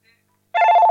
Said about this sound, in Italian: Sentite quante telefonate.